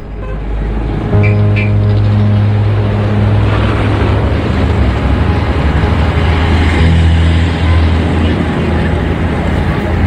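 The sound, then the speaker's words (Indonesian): Heavy trucks loaded with large logs rumble past, leaving Nambolon village, about ten of them in succession; a loud, continuous engine drone with deep humming tones that shift as one vehicle gives way to the next, steady throughout. “Loh, mengapa banyak sekali truk berisi kayu besar keluar dari desa Nambolon ini?”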